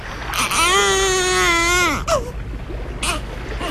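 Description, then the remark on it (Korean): An Israeli baby, abandoned alone, wails in one long, sustained cry lasting over a second, loud, followed by a few shorter, softer whimpering cries with brief pauses between them. “이스라엘 아기구나.”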